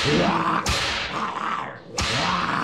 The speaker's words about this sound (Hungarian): Végül suhintottam egyet a korbácsommal, és ők hajbókolva, hátrálva kivonultak.